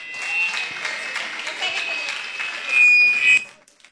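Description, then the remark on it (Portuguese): A church audience claps steadily for several seconds to welcome a woman who will sing praise to God, a dense crowd of hands that swells louder near the end before stopping abruptly, with a thin high-pitched tone briefly ringing above it. “Vamos ouvir ela com palmas para Jesus.”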